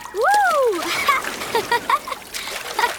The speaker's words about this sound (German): Wenn ich nur daran denke, höre ich schon die Wellen rauschen. Ja, das Meer lädt echt zum Spielen und Toben ein.